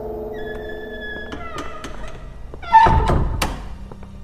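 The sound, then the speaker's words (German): A door swings shut with a single heavy thunk partway through, its low rumble fading out, after a steady humming drone and a few faint clicks. “Ich möchte nur mit dir sprechen. Schließ die Tür.”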